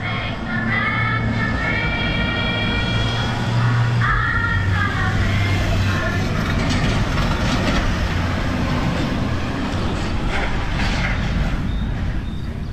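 A FedEx delivery truck drives by in a parking lot, its heavy engine rumbling loudly and steadily throughout, with a brief whining tone rising over the noise early on and no one talking.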